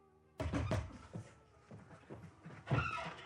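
Heavy knocking on a wooden door: a burst of loud thuds, then a few scattered, softer knocks and a final hard bang, irregular in rhythm.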